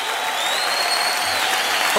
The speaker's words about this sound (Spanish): Dale fuerte el aplauso a Jesús.